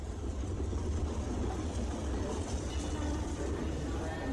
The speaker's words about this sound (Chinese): 随着火车的一声长鸣，列车开进了站台。